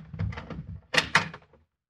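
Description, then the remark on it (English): A door is opened: a low rattling shuffle, then two sharp clunks of the latch and handle in quick succession, fading out with no voices. “Don't open that door.”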